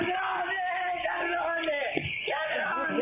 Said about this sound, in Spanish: Así gritaba la abuela de 82 años cuando veía que no eran empleados del Banco Nación ni amigos de su hija, sino que eran delincuentes que se habían apropiado de los dólares, de los ahorros de toda la vida.